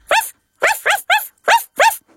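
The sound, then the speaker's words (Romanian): A person imitates a puppy barking: six short, high-pitched yips in a quick, uneven rhythm, clear, with brief silences between them. “Cum face cățuzelul?”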